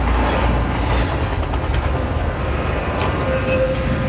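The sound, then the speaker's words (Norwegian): A train rumbles loudly and steadily, its low roar filling the scene, and a thin metallic squeal rises near the end as it slows into the railway station in Belgrade, its last stop after several hours through Central Europe. “Etter flere timer i Sentraleuropa kom de til siste holdeplass for togturen og nest siste stopp for reisen.”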